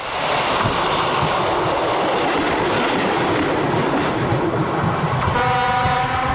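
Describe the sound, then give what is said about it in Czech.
Train 810 pulls away to the depot with a loud, steady rumble and rattling wheels, and a sustained horn-like tone rises over the noise in the final second. No one speaks. “a necháme odjet do depa 810.”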